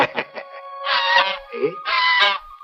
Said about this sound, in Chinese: 哎，又有人斗鹅了，我去看一看啊。